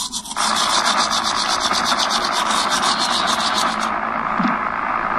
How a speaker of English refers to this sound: Mom, something's wrong with my favorite show. It's just like static.